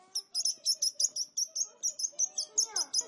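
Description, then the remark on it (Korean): A single sparrow perched on someone's head chirps in a quick, steady string of bright, high tweets, about five per second, clear with no voices. “저기 저기! 두두 머리 위에 참새 한 마리가 앉았다!”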